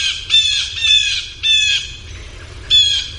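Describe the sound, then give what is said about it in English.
Four harsh, nasal blue jay alarm calls in quick succession, loud, each a raspy burst with a ringing edge, separated by short gaps over a faint low rumble. “But blue jays also, as you well know, your cat walks out in the yard, and they're very upset.”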